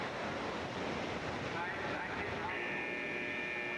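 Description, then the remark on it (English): A steady, high-pitched buzzer tone cuts in partway through and holds to the end, sitting over a constant loud roar of crowd noise at a roller derby game. “Buzzer sounds.”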